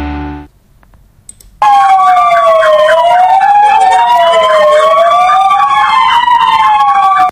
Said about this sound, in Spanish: Pues así como escuchaban, haciendo sonar las sirenas, el Parque de Bomberos de Melilla secundaba esta mañana la concentración convocada por el Cuerpo de Bomberos de Ceuta en todo el país en defensa de los servicios de primera línea